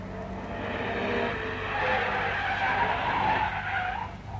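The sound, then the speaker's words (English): A car's tires screech loudly as it skids to a halt, a sustained high squeal over engine rumble that sweeps and cuts off near the end. No voices. “A big man jumped out of the car and hurried into Dr.”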